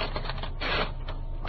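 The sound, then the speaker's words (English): In the radio drama Box 13, a sheet of paper is pulled out of a typewriter: a continuous rasping, ratcheting rustle that swells louder about halfway through, with no voices. “Take it out of the typewriter.”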